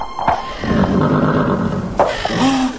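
A horse, one of two grazing horses without bridles, neighs loudly in rough, drawn-out whinnies, with a sharp burst near the start and another about two seconds in, over steady background noise.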